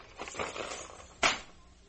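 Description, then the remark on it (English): Soft rustling of a bag being rummaged through, then a single sharp metallic jingle as the keys to a room are pulled out, with no one speaking. “What are those? The keys.”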